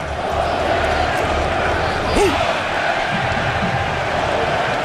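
A dense, steady roar of a large stadium crowd cheering, holding loud and constant throughout with a brief shout rising out of the din midway.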